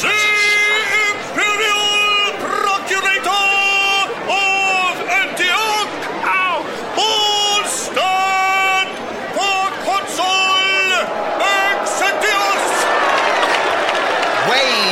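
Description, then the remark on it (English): A large Roman crowd at a race track, before the race, roars continuously, many voices shouting and cheering at once with jeering boos mixed in, loud and sustained throughout with rising and falling yells. “Acknowledge them, even the ones who are booing.”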